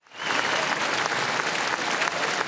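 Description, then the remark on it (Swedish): A large crowd in Norway applauds and cheers as the new royal couple Håkon and Mette-Marit wave from the palace balcony after King Harald's funeral, a steady, dense roar of clapping that swells quickly at the start and holds loud throughout, with no individual voices standing out. “När Norges nya kungapar Håkon och Mette Marit vinkade från slottets balkong efter kung Haralds begravning förra veckan så jublade folkmassan.”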